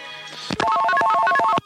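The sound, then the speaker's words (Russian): A telephone rings with a loud electronic tone that warbles rapidly between two or three pitches for about a second, then cuts off abruptly, as a listener calls in during a live broadcast on the radio station Echo of Moscow. No one speaks. “Саш, телефон.”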